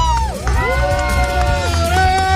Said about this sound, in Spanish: Bueno, pues tenemos el cierre oficial de nuestro evento y presencia aquí en el Papalote. ¡Fuerte aplauso!